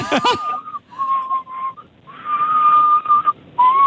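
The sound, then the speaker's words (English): Someone whistles loudly, holding a steady high note in several long stretches separated by brief pauses, with a quick wavering trill at the start. “…, we want the whistle.”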